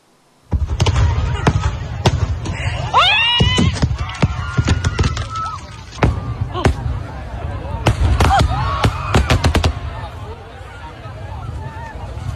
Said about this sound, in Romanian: Clipe de coșmar pentru 10.000 de oameni adunați să asiste la un festival de efecte pirotehnice în Spania. O defecțiune a trimis artificii în zona unde se afla publicul.